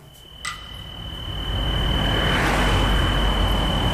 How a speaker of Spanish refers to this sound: ¿Esto dónde es? ¿Es de ese coche? Es un coche. Esto es de Sineu, de casa de Puter.